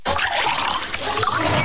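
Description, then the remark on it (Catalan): Font Vella water pours in a steady splashing stream, as if filling a glass for a toast, lasting under two seconds at an even loudness with no voices. “Salut! Però brindes amb aigua?”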